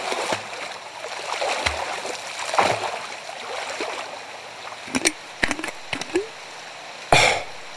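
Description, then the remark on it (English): Water churns and sloshes steadily, broken by a cluster of short, sharp splashes and a final louder splash near the end, as Pooh plunges into the water, seizes a floating bottle and struggles back to his tree. “Pooh plunged into the water, seized the bottle, and struggled back to his tree again.”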